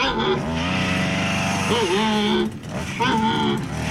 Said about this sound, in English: an endangered panda using a chainsaw.